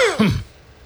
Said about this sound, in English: Pardon my cough.